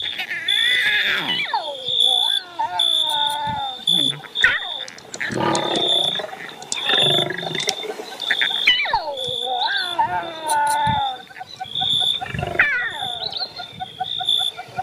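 Lions roar and moan in a series of loud, drawn-out calls that swoop down in pitch, over a steady high-pitched whine that runs throughout.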